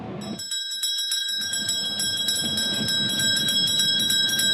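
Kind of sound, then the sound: signal or alarm, bell ringing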